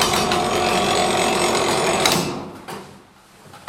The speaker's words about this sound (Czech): Tak ten zvuk, který se slyšel, tak to by nám teďka odbylo vlastně čtvrt nebo půl nebo tři čtvrtě.